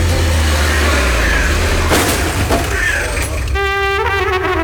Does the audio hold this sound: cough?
no